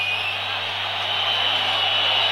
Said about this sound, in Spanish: Escucha, así lo silbaban a Julián cuando se estaba retirando.